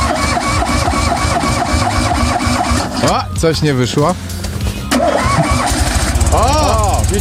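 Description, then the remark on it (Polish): A voice mimics a car engine trying to start, presented as Polish engineers starting a car prototype, with loud rumbling, cranking and sputtering bursts, a brief stall, then more revving; a short spoken remark breaks in partway. “No dobrze, no to zróbmy tak, że tylko u nas nagranie z odpalania prototypu przez polskich inżynierów.”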